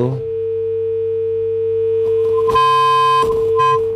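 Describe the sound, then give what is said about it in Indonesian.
A caller's telephone line to the radio call-in show Ruang Rindu goes dead: a steady electronic tone drones on, then gives way to harsh crackling bursts with a higher beep cutting in and out. No one speaks. “Aduh, terputus.”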